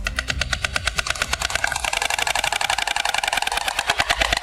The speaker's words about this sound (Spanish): Es el crotoreo de las cigüeñas, su peculiar canto.